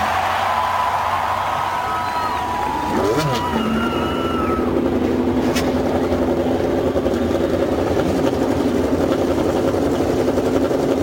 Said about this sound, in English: Lady and gentlemen, start your engines.